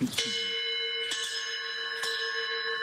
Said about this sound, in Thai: มีระฆังด้วยนะเนี่ยระฆังทองเหลืองจะติดตรงไหนยังไม่รู้นะ